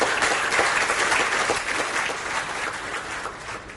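A crowd stands and claps for Gianni Infantino in sustained, dense applause, a steady wash of many hands, loud throughout, easing slightly toward the end with no one speaking.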